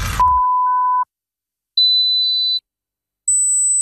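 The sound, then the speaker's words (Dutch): Three steady electronic beeps, each lasting under a second with gaps of silence between, rising in pitch from a mid tone to a higher tone to a very high, thin tone. “Hoorde u geen drie piepjes zojuist?”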